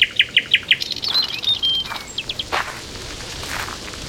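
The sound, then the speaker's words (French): Birds singing in the trees of a large park: a quick run of five sharp repeated chirps opens, followed by thin whistles and scattered calls from several birds, with no voices. “Écoute, tu entends les oiseaux dans les arbres?”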